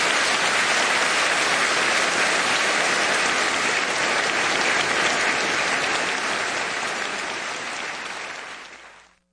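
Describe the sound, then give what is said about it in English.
A crowd applauds the engineers steadily and loudly, a dense wash of many hands clapping, holding for several seconds before thinning and fading out at the end. “please join me in giving a warm round of applause for our brilliant engineers”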